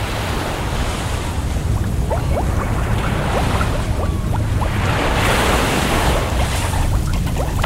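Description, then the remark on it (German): Underwater ocean ambience at a reef at 10 metres depth, water at 29 degrees, as a diver slowly sinks: a steady, dense wash of noise with scattered faint clicks and crackles throughout, constant in level and with no voices. “Ich bin auf 10 Meter, sinke langsam, Druck normal, 1 Bar, Temperatur 29 Grad, alles normal soweit, hier im Riff.”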